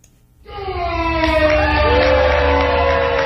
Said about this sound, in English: The level of cheers from the crowd determined which wine would move forward to semifinals and finals.